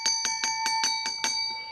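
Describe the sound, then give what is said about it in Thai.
A small bell, rung to signal that a viewer has a problem, rings in a quick, steady run of about seven bright dings, each strike blending into a sustained metallic ring, heard clearly on its own with no talking. “ฟังเสียง ฟังเสียงค่ะ พี่น้องประชาชนท่านผู้ชมมีปัญหา ค่ะได้ยินเสียงกิ้งกิ้งนี่แปลว่ามีปัญหาแน่นอนค่ะ”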